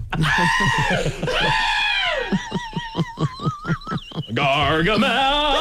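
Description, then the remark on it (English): Loud, shrill screams from several people on an amusement ride overlap continuously, with a stretch of rapid, pulsing shrieks in the middle before another long wail takes over. Sustained, with no clear talking. “Jeez, those screams are getting loud.”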